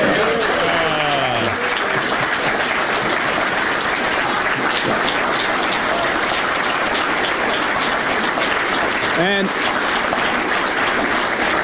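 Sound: audience applauding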